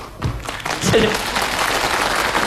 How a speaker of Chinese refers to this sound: 是我唱的好，怎么朋友们鼓掌了呢？